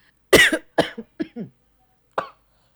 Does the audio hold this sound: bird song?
no